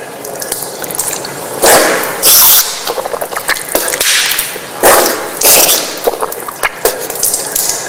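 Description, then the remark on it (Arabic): Splashing and sloshing of water scooped by hand during Islamic ablution (wudu), with wet slurping and blowing bursts as the mouth and nose are rinsed from a single handful and blown out, repeated a couple of times with no talking. “كما هو الملاحظ تمضمض واستنشقت من كف واحدة، وأعيدها مرة ثانية.”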